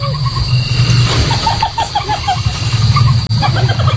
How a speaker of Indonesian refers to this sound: Itu tadi adalah suara musang. Suara tadi bukan buat nakutin manusia, melainkan untuk menarik musang lain saat musim kawin. Suara mirip tertawa ini bisa muncul salah satunya berkat tulang hioid di leher musang.